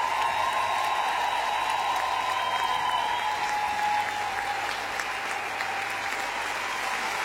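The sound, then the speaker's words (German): An audience in Berlin applauds steadily for the band led by Florian Böker at the end of a show, a dense, continuous wash of clapping that holds at an even, fairly loud level for several seconds, with no voices standing out. “Und einen großen Applaus für die Herrschaften, die richtig Vollgas gegeben haben.”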